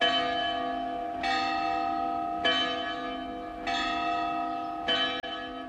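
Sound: church bells ringing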